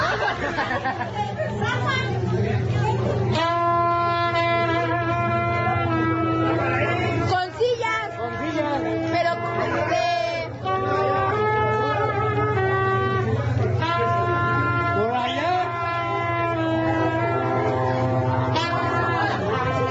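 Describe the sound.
A Sinaloan brass band keeps playing in the rain during a flood, a slow, sustained melody with long held horn notes over a constant low rumble, and voices chatter underneath throughout.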